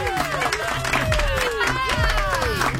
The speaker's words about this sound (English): How's a... delayed response? I was waiting for the clap.